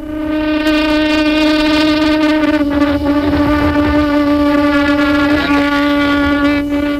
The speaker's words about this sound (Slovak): Tento zvuk som zachytil na magnetofón vo výške asi 3000 metrov nad morom, uprostred divokých roklín Ánd. Pastier zvolával svoje stádo lám a alpák, horských zvierat, ktoré tak ako on žijú v riedkom vzduchu. Zvuk vychádzal z pututu